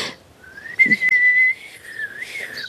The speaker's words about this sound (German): Das war nicht gepustet, das war gepfiffen. Entschuldigung, es macht einfach so viel Spaß. Ich kann gar nicht aufhören.